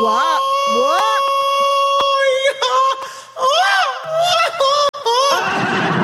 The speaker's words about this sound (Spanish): Yo, y ese grito no fue efecto. Ese grito me lo aventé yo.